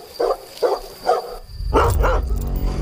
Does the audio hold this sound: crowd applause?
no